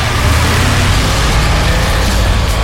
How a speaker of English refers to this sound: Dragstalgia races into Santapod, Friday 26th to Sunday 28th of June. Experience drag racing through the years from nostalgic flame-throwing cars,